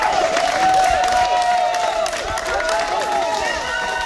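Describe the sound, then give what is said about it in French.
Sustained applause from a crowd of about twenty activists outside the courthouse in Digne-les-Bains, France, dense and steady throughout, with many voices cheering and calling out over the clapping. “Des applaudissements nourris devant le palais de justice de Digne-les-Bains.”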